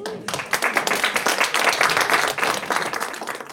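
An audience in a library applauds two guests steadily, a dense wash of overlapping hand claps that holds at a fairly loud, even level throughout.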